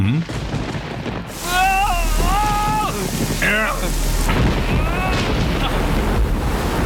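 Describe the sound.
Steady, heavy rain hisses throughout a stormy scene, with a low rumble swelling in partway through, while voices speak over the downpour.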